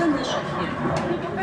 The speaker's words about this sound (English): It's the sound of a jet. Before this week, Skulovatova assumed it came from a Ukrainian military aircraft protecting the skies.